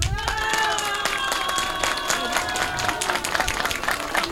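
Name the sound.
audience applause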